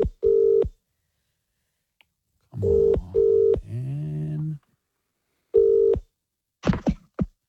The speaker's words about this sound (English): Lucky listener. Everybody look at your phones now. We are calling one of you.